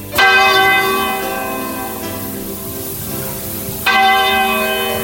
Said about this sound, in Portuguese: E quando o ponteiro daquele relógio da torre da igreja deu meia-noite, começou a tocar.